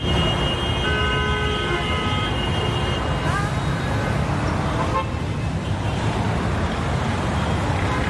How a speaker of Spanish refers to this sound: A veces hace falta parar, o en este caso prohibir la circulación de coches para darnos cuenta del impacto que tiene ya solo a nivel de sonido, ¿verdad?